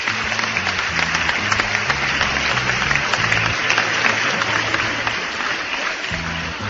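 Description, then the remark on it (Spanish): A large crowd applauds loudly and steadily for several seconds on a Radio País broadcast, a dense wash of clapping with low musical tones running underneath. “Para los de Rivera, siga con los aplausos”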